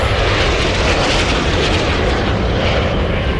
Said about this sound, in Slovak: Dva migy stíhačky. Fú, tak to moje mávanie nepomohlo. Idú po mne.